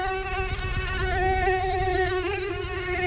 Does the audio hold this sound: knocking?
no